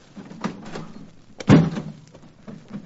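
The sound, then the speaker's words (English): A door is opened with a soft rattle and a short, sharp knock of the latch, then some faint shuffling and movement afterward. “I'll open the door, will you?”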